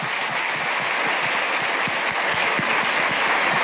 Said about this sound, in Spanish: Un aplauso para todos los papás aquí presentes.